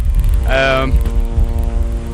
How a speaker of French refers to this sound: Un drone israélien bourdonne dans le ciel de Beyrouth